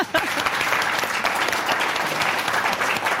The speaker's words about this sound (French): Donc vous, on vous applaudit,